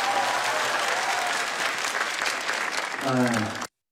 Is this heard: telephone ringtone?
no